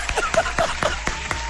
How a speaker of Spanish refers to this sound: Bravo. El aplauso para mi rizo. Por aquí aplauso.